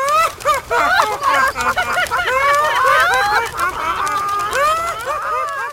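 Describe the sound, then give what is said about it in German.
A flock of chickens clucks and squawks in a busy, overlapping chorus, the calls coming thick and fast for several seconds without a break. “Blöde Flatterhühner. Nur weil ihr nicht fliegen könnt.”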